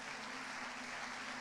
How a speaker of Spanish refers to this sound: Aleluya. Aplaude a Dios.